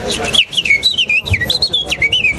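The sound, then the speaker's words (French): A person whistles a rapid, warbling melody imitating a warbler's song, fairly loud, with quick rising and falling trills running continuously for a couple of seconds. “Ben, en fonction de si c'est des taillis, ça va être des fauvettes.”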